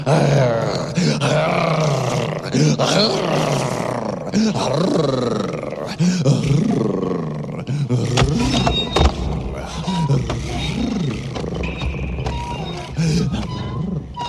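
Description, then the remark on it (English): Loud, rough growling and roaring goes on almost without pause, rising and falling in deep, rumbling bursts, with no clear speech. “Oh, this is embarrassing. Try growling.”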